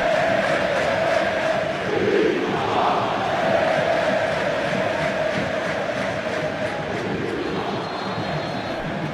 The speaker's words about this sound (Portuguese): Olha o grito da galera.